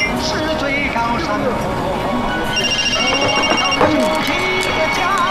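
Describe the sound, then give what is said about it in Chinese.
A phone rings with a steady, high electronic tone partway through, heard amid a busy background of voices and clatter. “你这个电话”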